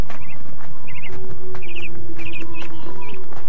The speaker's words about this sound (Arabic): وينظر إلى العصافير التي تحط على القصبات وهي تغرد مع صفير الريح.